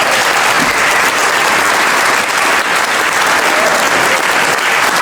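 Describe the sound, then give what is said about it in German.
Sustained audience applause, a dense, steady wash of many hands clapping at an even loudness throughout, with no voices standing out. “Ich denke, das ist einen Applaus wert.”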